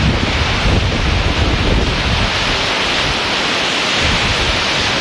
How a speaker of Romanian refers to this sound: Pe plaja Modern din Constanța, valurile mării și vântul care a suflat cu putere au creat condiții ideale pentru competiție.